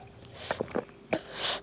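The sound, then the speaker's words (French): Wet sucking and slurping noises of a baby drinking from a bottle, a few quick gulps and smacks in a short burst, with no talking. “Toudou propose au bébé doudou de boire son biberon.”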